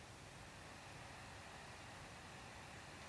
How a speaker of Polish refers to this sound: Wiatr. Nagłówek. Uwaga. Wchodzimy na coś nowego. Zaznaczone. Lekkie powietrze. 1 do 4 km na godzinę. 50 głośność. Przycisk. Tak, brzmi lekkie powietrze.